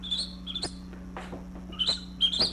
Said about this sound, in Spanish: Ah, papo, mano, aquí solo grillos se oyen, vea.